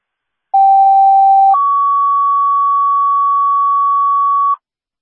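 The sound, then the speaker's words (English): An emergency dispatch pager alert, the second page for the Youngstown Ambulance for a priority one call at Morgan Estates: a steady mid-pitched tone holds for about a second, then jumps to a slightly higher tone sustained for roughly three seconds. Both are loud and clean, with no voices. “Registrar Geneseo, second page for the Youngstown Ambulance.”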